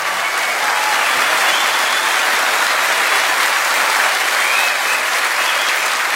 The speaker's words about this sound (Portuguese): Um aplauso de vocês. Obrigado.